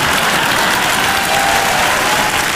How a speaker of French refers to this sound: Attends, parce que les gens m'applaudissent.